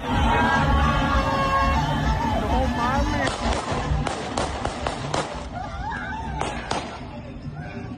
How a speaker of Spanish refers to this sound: A estos policías municipales se les hizo fácil lanzar disparos al aire porque los aficionados comenzaban pues con estos festejos, rodearon la patrulla y eso también se ha visto mucho en los festejos